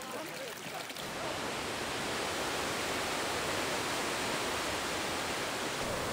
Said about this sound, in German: Nun fließt das Wasser zum römischen Aquädukt und die Zuschauer folgen ihm.